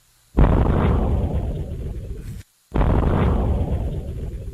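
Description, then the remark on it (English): Two loud, deep explosion-like booms from a fireball meteor travelling at about 75,000 miles an hour, detected around 2:06 in the afternoon and heard in West Peabody, Massachusetts; each rumbles and slowly fades over about two seconds, separated by a brief moment of silence, with no voices. “You hear a logic explosion in West Peabody?”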